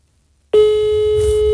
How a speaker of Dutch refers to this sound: Dan moet het geluid uit, want ik bel hem dan nu met mijn telefoon.